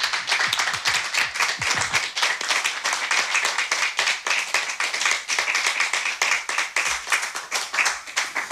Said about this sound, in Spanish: Y para que se sepa que en la sala hay gente, pues vamos a aplaudir a los compañeros que van a participar.